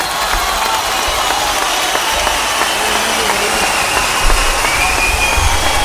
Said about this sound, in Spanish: Espectacular, como siempre, esos aplausos que, claro, la voz de él solo te hace temblar distinto el corazón,